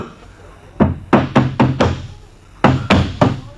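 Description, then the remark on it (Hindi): Firm knocks by police on a door: a quick run of five raps, a short pause, then three more in the same steady rhythm, clear and loud against a quiet background. “अरे भाई दरवाजे खोलिए।”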